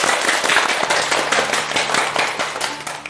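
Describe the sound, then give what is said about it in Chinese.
An audience breaks into steady applause welcoming a teacher who is to recite a poem by Lu You: many hands clapping in a dense, crackling wash that holds at a fairly loud level for a few seconds, with no voices over it. “我们掌声欢迎。”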